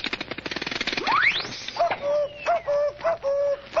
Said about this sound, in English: I see the cuckoo clock is 20 minutes slow. I'll just move the hand up. I love to see that little cuckoo bird come out.